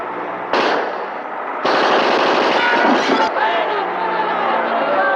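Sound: gunfire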